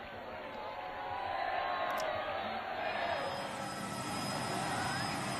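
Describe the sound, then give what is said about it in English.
A large, smiling crowd cheers enthusiastically in response to a greeting and blessing, many holding up their phones, in a steady, dense roar that swells slightly after the first second and holds, with no single voice standing out. “Of course, our radio viewers can't see that, but they can certainly hear the enthusiasm of these smiling crowds, all with their phones out, capturing the moment, immortalizing it with their digital media recording devices.”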